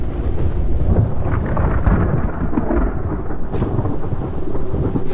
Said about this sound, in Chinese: 坠落的雨滴带来了冷空气。温度较低的下沉气流使空中形成了弧状云，看来不久后将会发生强烈的暴风。